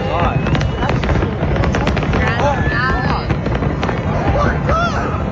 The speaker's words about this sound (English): a little further south at Harborfront where an album release fireworks display was held.